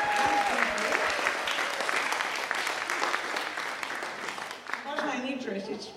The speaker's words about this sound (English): Before I begin, a very loud applause, please, for these two amazing...